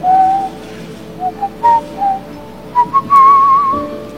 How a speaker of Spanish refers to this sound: Sí. Todavía silbo.